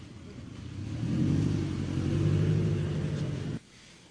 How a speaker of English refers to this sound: There she goes, driving away, Mary Pelota, not wanting to answer questions about how she treats her staff.